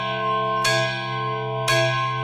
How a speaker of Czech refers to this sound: Já používám tento velký zvon.